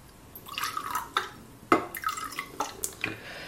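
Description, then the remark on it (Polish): Juice and water poured into a container to make a juice-and-water mix, a splashy, gurgling trickle with several short bursts and drips over a few seconds, fairly quiet and with no talking. “Dobrze, ja sobie przygotuję teraz miks soku i wody, tak jak mówiłam wcześniej, żebym już miała go gotowy.”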